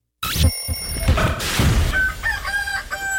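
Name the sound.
rooster crowing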